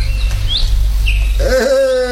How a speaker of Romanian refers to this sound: Și păsările cântă. Uite, după mine, dimineața asta, nimic nu mai frumos ca ciripitul lor. Să le ascult. Să le ascult.